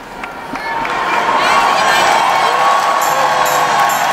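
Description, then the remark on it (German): A large crowd of young people cheers and applauds Pope Leo enthusiastically at the close of their gathering, a dense, steady roar of clapping and high shouts that swells in the first second and then holds loud throughout, with whistles piercing through near the end. “Papst Leo wird mit begeistertem Applaus bedacht.”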